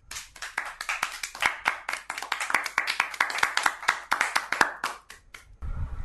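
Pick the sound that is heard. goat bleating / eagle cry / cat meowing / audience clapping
audience clapping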